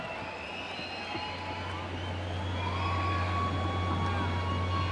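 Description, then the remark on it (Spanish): A large concert crowd shouts and roars "otra" for an encore as the band returns to the stage, a dense, continuous wall of voices that swells slightly louder over the seconds, with a steady low hum running underneath. “La gente grita otra, extasiado, escuchen nada más el sonido de las personas que hay aquí.”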